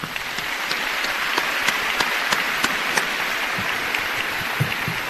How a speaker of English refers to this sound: To our Board of Education, let's give them a big round of applause.